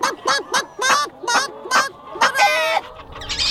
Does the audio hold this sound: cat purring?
no